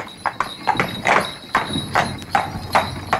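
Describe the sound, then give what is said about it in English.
Horse hooves clip-clop in a steady, brisk rhythm on a hard surface, about eight sharp knocks, with a faint rattle of wheels underneath and a thin high tone running throughout, as a horse-drawn cab rattles off after the horse's rump is slapped. “slapped the horse's rump and the cab rattled off.”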